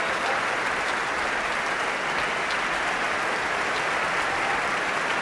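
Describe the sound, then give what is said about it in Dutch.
Steady, dense applause from a large concert audience for orchestra harpist Ellen Versnij, many hands clapping at once in a continuous even roar that holds at the same loudness throughout, with no voices rising above it. “En natuurlijk ook applaus voor harpiste Ellen Versnij.”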